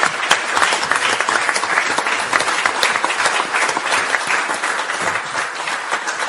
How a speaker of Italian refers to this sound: Grazie Eminenza. Volevo anticipare, sì, facciamo un applauso a Eminenza.